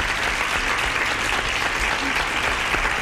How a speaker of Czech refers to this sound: Ano, potlesk letí za vámi.